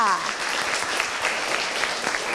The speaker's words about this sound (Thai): ขอบคุณกลุ่มที่2มากค่ะปรบมือให้กลุ่ม2ด้วยค่ะ